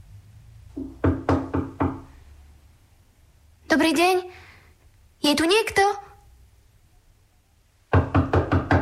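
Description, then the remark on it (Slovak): A series of firm, quick knocks on the wooden door of a small hut, about five raps in a row, then a voice calls out twice, and another burst of rapid knocking follows. “Ale radšej malá chalúbka ako pustý les. Zaklopať?”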